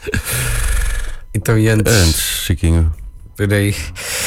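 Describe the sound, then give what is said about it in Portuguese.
A single loud, breathy sneeze bursts out at the start, then people carry on talking in short exchanges right afterward. “Santinho.”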